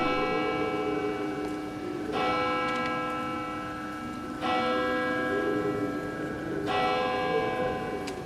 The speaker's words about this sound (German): So wie schon viele Male gongte es nun zu Mitternacht.